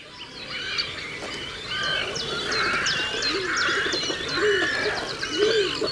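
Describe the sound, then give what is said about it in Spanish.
Great cormorants (Phalacrocorax carbo) calling amid a busy bird colony on the brackish waters of the Tagus river, low guttural croaks rising and falling under a steady layer of higher chirps and whistles, continuous. “En este paisaje de aguas salobres del Tajo aparecen ahora los grandes navegantes silenciosos del río, los cormoranes grandes, nombre científico Phalacrocorax carbo.”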